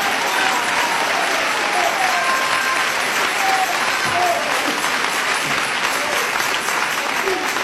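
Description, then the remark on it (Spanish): An audience applauds Jesus steadily, a dense wash of clapping hands filling the whole stretch at a constant, fairly loud level, with faint voices mixed into the crowd noise. “Dele ese aplauso al Cristo de la gloria.”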